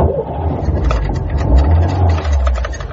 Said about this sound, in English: They climbed into the old Ford Zodiac. It grunted at them sullenly and rattled its ashtrays.